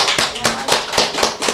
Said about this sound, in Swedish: Han är så duktig, jag tycker vi ska ge honom en applåd.